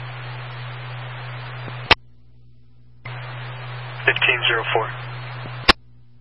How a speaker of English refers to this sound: Your radio's static, and it's staying open at the end. I'm trying to fix it.